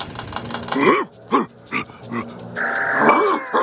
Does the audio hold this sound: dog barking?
yes